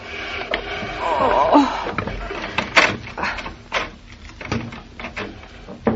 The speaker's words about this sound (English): Give me a hand with the chair, Mama, will you? All right. It's against my better judgment. Let's not lift. Let's push. Ready? Mm-hmm. One, two, push.